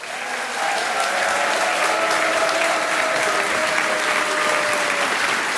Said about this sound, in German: Er ist international. Begrüßt bitte mit einem wahnsinnigen Applaus, der bis zu den britischen Inseln erklingt.